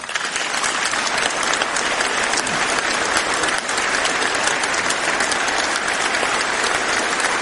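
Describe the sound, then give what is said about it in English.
Sustained applause from a large audience during a speech by Carney, a dense wash of clapping that stays loud and steady for several seconds with no voices rising above it. “Sorry, I didn't mean to time that as an applause line.”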